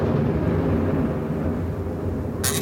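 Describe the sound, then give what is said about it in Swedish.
A deep, continuous rumble of thunder from a thunder and lightning storm rolls steadily with no voices, ending in a brief sharp crackle near the close. “Oska och blixt. Molnen har blivit elektriska.”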